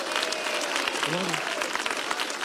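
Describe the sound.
A church audience claps for Jesus as a pastor is welcomed, in a dense, continuous wash of applause, with faint voices and a brief rising vocal tone partway through.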